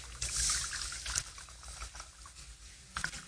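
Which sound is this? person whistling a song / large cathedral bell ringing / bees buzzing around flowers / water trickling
water trickling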